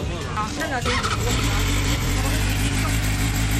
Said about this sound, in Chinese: 你在未拧动油门的情况下，排气的声音都到这个程度了，你觉得夜晚驾驶这辆车出来会不会造成扰民的影响？